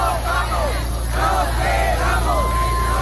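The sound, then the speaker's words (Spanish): A street protest crowd in Barcelona on a Thursday, where an eviction was stopped, fills the air with loud, continuous hubbub, overlapping voices rising and falling in shouts and calls over a steady low rumble. “Por ejemplo, así sonaba este jueves Barcelona. Allí se ha conseguido parar un desahucio precisamente por este decreto.”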